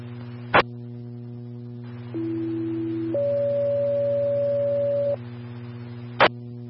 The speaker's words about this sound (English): Cell phone, tones for a smoke investigation in the area of catch-all storage, 5848 US 64. Again, south zone, tones for a smoke investigation in area 5848 US 64 at catch-all storage.